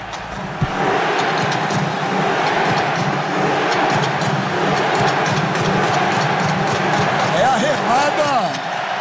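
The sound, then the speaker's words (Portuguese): A large stadium crowd chants in unison, a dense roar of voices marked by regular, rhythmic shouted beats from Norwegian fans doing their rowing chant, sustained and loud throughout. “E olha, eu falar nesse exato momento que começa a remada dos torcedores noruegueses aqui. Onde tem uma camisa vermelha, tá tendo a remada.”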